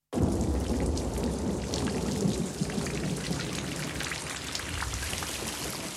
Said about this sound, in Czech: Venku blýskalo a hřmělo.